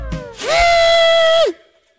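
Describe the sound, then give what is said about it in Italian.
A single musical note, B, played with one finger and heard over the telephone, rings out steady and bright for about a second with a rich, buzzy tone, then slides slightly down and stops. No one speaks. “Ho sentito, questo era il sì o il do? È un sì.”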